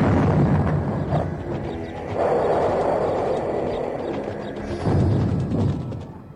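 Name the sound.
cannon fire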